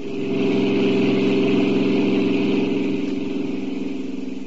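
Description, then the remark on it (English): A car engine runs steadily, a low, even rumble with a faint rhythmic pulse that holds for several seconds before easing slightly at the end. No voices are heard. “What Sam told me made me hang up the phone fast, jump into my car.”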